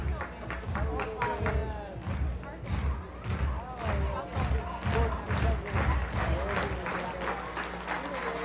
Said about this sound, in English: Crowd clapping their hands in unison. They want a strikeout.